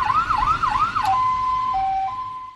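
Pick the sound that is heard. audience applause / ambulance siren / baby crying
ambulance siren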